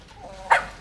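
dog barking

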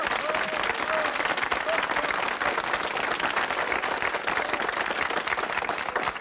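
studio audience applause

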